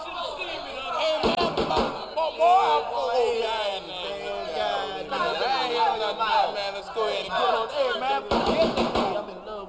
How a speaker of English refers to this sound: why don't you answer the door, man? You're the closest one to it.